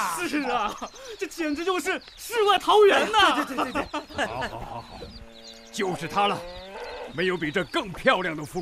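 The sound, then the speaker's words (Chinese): An old yellow ox beside a clear stream in Wang Village gives a long, steady low moo in the middle, set among several people talking and chattering loudly around it, with farmyard fowl clucking. “哎呀，这清澈溪水边的老黄牛，远处的峰峦叠嶂，这个景可是太美了。”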